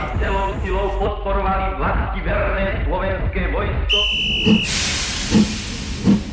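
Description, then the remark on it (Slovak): Murmuring voices give way to a steam locomotive's loud, sustained hiss, with a brief whistling tone and a few heavy, rhythmic chuffs beneath it, from a train to Banská Bystrica. “Na druhý deň sme s otcom sedeli vo vlaku do Banskej Bystrice.”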